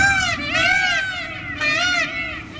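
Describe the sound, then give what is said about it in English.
Peacock mating calls from peacocks roaming a quiet seaside village near the city of Ravenna: two loud, drawn-out wailing cries, each rising and falling in pitch with a harsh, scream-like tone, separated by a brief dip. “the colourful birds have taken over the streets of this quiet seaside village near the city of Ravenna, strutting their iridescent feathers, perching on rooftops, wandering into gardens, and waking residents before dawn with their mating calls.”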